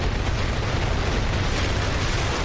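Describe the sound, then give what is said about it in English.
A continuous, powerful rocket engine roar as the 200-ton Nuri rocket blasts off from the Naro Space Center, South Jeolla Province, at 12:25 p.m. on a Wednesday: a dense rumbling crackle with heavy low-end force and steady loudness, no voices over it. “The 200-ton Nuri rocket blasted off from the Naro Space Center in Gong, South Jeolla Province at 12:25 p.m. Wednesday.”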